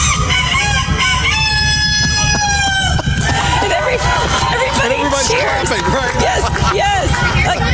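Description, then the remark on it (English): A man, a contestant at a rooster crowing contest, lets out a long, loud imitation of a rooster's crow lasting a few seconds. It's followed by the noisy chatter of a crowd with overlapping voices. “this is exactly the type of thing that would go on a rooster crowing contest.”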